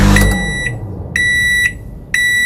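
A microwave oven beeps three times, each tone about half a second long and evenly spaced. The electronic beeps are loud, with a brief low rumble at the very start.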